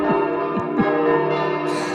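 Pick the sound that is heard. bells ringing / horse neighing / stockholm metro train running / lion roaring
bells ringing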